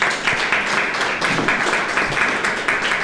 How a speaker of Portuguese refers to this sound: As palmas aqui não é só pela fala da nossa painelista, é por aquelas mulheres que montaram o projeto, que você aqui na mesa está representando.